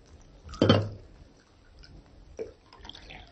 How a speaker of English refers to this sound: Alpha poured coffee.